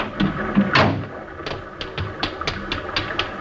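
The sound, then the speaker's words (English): A door is opened with a scraping thump, followed by a run of sharp, evenly spaced clicks, like a latch or lock rattling, with no voices. “Give me that key. Get away from that door.”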